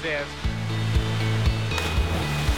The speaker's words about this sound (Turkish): Bence burası sihirli bir yer. Şelale muhteşem. Su çok mavi.